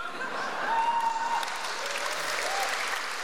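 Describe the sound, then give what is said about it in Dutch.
An audience applauds steadily after a poetry reading by Dimitri Verhulst at the Nacht van de Poëzie 2017, a dense wash of many hands clapping at a fairly even, moderate level from start to finish, with a faint whistle or cheer briefly rising above it. “Applaus voor Dimitri Verhulst op de Nacht van de Poëzie 2017.”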